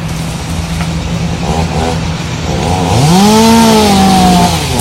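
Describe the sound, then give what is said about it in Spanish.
Electric chainsaws roar steadily in the background, cutting the trunks of trees being felled at a golf club in Vallarta; one engine revs up sharply to a high, whining pitch as it bites into wood, loud and continuous with no talking. “se puede ver cómo una ciudadana camina por el campo de golf mientras enfoca varios árboles caídos y de fondo se escuchan las sierras eléctricas cortando los troncos.”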